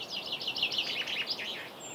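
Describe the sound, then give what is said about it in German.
A soft dawn chorus of several birds singing at sunrise in May, around 4:30 a.m., in the Pargas archipelago; overlapping high warbles and chirps run continuously and steadily, with no voices. “Man hört hier nichts. Außer Vögel.”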